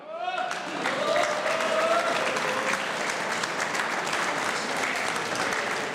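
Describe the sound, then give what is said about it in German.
A crowd claps and applauds steadily for several seconds, a dense, sustained wash of hand claps with a few voices calling out briefly at the start; at the ORF Radio Burgenland Live Frisch Open in Wiesen, applauding mayor Matthias Weghofer on stage. “Herr Bürgermeister, das ist Ihr Applaus.”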